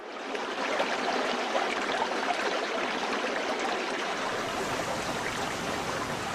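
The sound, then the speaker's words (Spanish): Rushing river water tumbles over rocks in a steady, dense, fairly loud roar, the river descending in cascades into a canyon in a national park, continuous throughout with no voices. “El rumor que del agua se escucha en su profundidad embelesa los oídos, mientras que la contemplación del agua derrochándose y saltando entre las rocas anonada la vista.”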